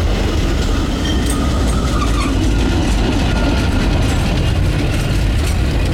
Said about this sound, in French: J'attends le tramway.